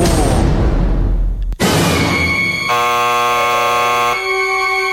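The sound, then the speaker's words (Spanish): A loud electronic time-limit buzzer blares once, signalling that a speaker has exceeded the time limit and had the microphone cut, a harsh, steady tone holding for about a second and a half, preceded by a burst of rushing, whooshing noise. “¡Alarma!”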